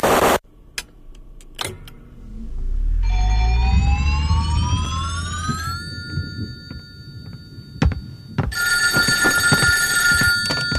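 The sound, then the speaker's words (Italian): A telephone rings loudly at 1:40 in the morning with a bright, steady trilling tone near the end, after a sharp clatter and a low rumble with a rising, engine-like whine. No one speaks. “Erano le 1:40 del mattino quando mi squilla il telefono”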